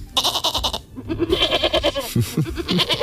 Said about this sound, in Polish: A co tutaj sobie tak po studiu hasa i hałasuje? A kozulki sobie hasają.